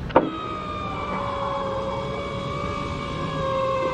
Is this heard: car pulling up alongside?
yes